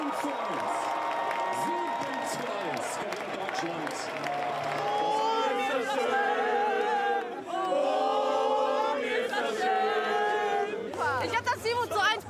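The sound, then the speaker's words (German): A large crowd of football fans roars and cheers continuously in a packed stadium during the World Cup, with loud chanting and shouting voices swelling in waves. “Und im WM-Fieber siebenmal dürfen die Fans schließlich jubeln.”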